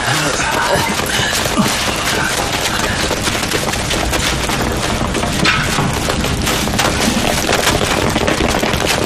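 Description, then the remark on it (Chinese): A loud, continuous barrage of rapid gunfire, with heavy booming blasts breaking through the crackle for the full nine seconds and no voices. “我们是听到爆炸声过来支援的。”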